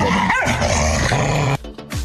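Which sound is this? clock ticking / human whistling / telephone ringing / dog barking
dog barking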